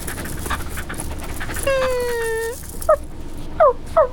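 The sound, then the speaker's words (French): A small brown puppy whimpers: one drawn-out, high whine that slides slightly downward, then three short, squeaky yelps. A steady background hiss runs underneath, and no one speaks. “Tout doux vient de voir un petit chien.”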